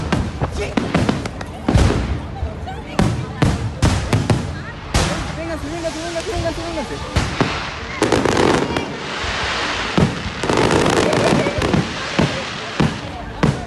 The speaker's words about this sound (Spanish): Se cree que el error de un técnico que manejaba el lanzamiento de cohetes desató la guerra que culminó en cientos de explosiones por todos lados.